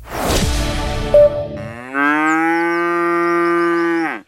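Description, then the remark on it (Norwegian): A cow on an outfield pasture lets out a long, loud moo, starting with a rough, breathy bellow and then settling into a sustained, strongly tonal drone that cuts off abruptly. No one speaks. “Dat der var lyden av ei ku på utmarksbeite.”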